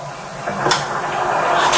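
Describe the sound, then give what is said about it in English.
A man opens his apartment door to a sheriff's deputy in Okaloosa County, Florida; the door swings open with a short click of the latch partway through, followed by a steady rushing, rustling noise that grows slightly louder, with no one speaking. “It took seconds for a Black man to open his door and for a deputy to fire.”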